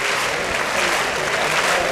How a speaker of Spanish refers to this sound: Y la ovación es para la banda de música. De música, claro. Claro.